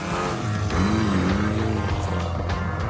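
The engine of an Abarth 595C sports car (T-Jet, 165 horsepower) drones steadily as it drives on the banked curve of the Fiat factory's rooftop circuit. Its pitch swells and bends around a second in, with a faint voice briefly audible under the continuous motor noise.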